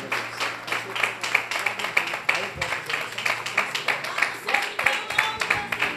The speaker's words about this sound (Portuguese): As palmas louvam o nome santo do Senhor. Parabéns, igreja.